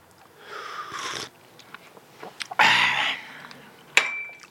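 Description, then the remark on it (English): Two wet, airy slurps of a hot drink taken from a cup through a mouthful of cream-filled biscuit, with soft chewing noises between them and a sharp little clink at the end. “Then what you do with a face full of biscuit like this, you pick up your cup, have a slurp once.”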